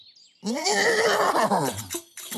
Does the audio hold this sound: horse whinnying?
yes